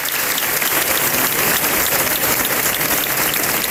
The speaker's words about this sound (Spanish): Así se aplaudía el final de estos traslados en la mañana de ayer.